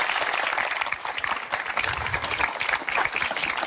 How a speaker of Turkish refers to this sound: Bir alkış alabilir miyim? Çok sevdim ben bunu.